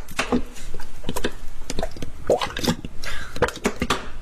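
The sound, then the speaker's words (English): Peppers are poured into a big saucepan: wet, squishy pieces tumble and splash in irregular bursts, with drips and soft clattering plops for a few seconds, fairly loud. “Get a big saucepan, pour in all the peppers.”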